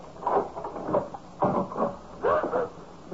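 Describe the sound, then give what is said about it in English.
A door is opened with a series of rattling clunks, three bursts of latch and wood noise in quick succession, with no voices. “I'm about to open the door.”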